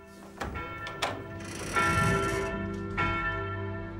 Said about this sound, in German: Am 11. November 1918 läuten in ganz Europa die Glocken. Lange Jahre haben sie geschwiegen. Jetzt schweigen die Waffen.